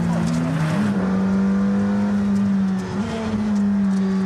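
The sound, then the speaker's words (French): A loud, steady engine drone from inside the cabin of a supercar bearing Ayrton's name, loud enough that people must raise their voices to hear each other; a strong low hum holding pitch with a brief dip and rise, masking everything else; no talking is heard. “Ah, il faut hausser le ton quand on parle dedans. On s'entend pas sinon.”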